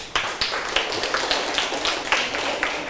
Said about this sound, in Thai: ขอตัวแทนกลุ่มที่หนึ่งค่ะปรบมือให้เพื่อนหนึ่งคน